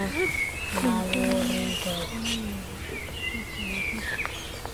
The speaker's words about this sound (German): Da sind auch welche, also eigentlich sind rund um uns rum Vögel zu hören.